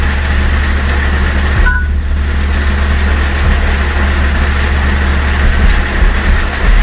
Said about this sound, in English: Yeah, that little chirp you just heard, that's the iPhone in iOS 10. Instead of saying screen locked, that's what they have it do now. That is the funniest noise.